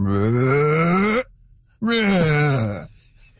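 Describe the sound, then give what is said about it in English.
A person vocally imitates a humpback whale with two long, loud, moaning calls that slowly rise in pitch, the first about a second long, separated by a brief pause. “I'm not sure I can do it justice to the full humpback whale voice, but it's something like...”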